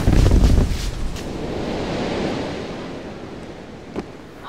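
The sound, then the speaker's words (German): A luggage cart catches fire after a bottle of phosphorus breaks: a loud whoosh of flames flares up, then settles into a steady, rushing roar of fire, with a brief faint crackle near the end and no voices. “Der Gepäckwagen brennt!”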